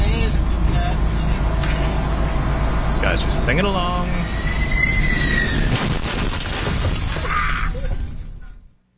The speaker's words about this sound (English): All right, a United flight from Venice, Italy, clipped a light pole, then hit a truck on the New Jersey Turnpike while coming in for a landing. Here's what it sounded like.